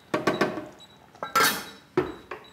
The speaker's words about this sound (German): Und wir geben hinzu die angebratenen Würfel. Wir machen den Deckel drauf und lassen es jetzt auf jeden Fall mal eine halbe Stunde leise schmurgeln.